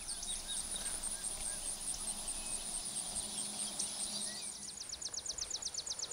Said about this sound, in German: es summt und brummt.